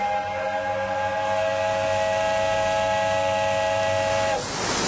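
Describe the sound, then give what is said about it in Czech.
Hopkins's steam whistle hoots in one long, steady, chord-like blast lasting about four seconds, on a ship due to weigh anchor for Hamburg, then cuts off into a rush of hissing steam. No one speaks. “Nevíš, kdy přestane Hopkins s tím svým zatraceným houkáním?”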